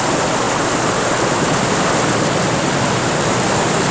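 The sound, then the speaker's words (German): A loud, steady roar of rushing water, like a waterfall plunging deep down into the earth's interior, dense and unbroken for the whole stretch with no voices. “Sie waren in einen Wasserfall geraten, der tief, tief ins Erdinnere hinunterstürzte.”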